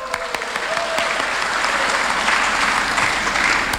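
An audience claps steadily and loudly for several seconds, a dense wash of many hands with a few sharper individual claps standing out; no one speaks.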